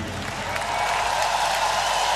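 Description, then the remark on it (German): A stage-show crowd claps continuously for a performer, urged to clap as loud as they can, in a dense, steady wash of applause, loud and sustained for the whole stretch, with no clear voices rising above it. “Und jetzt klatscht so laut ihr könnt”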